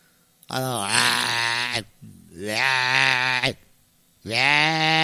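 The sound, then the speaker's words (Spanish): A voice imitates a snoring ram's bleat: three loud, drawn-out, quavering bleats, separated by brief pauses, with a lower groaning tone beneath the second one. “Pues carnero roncas, viejo.”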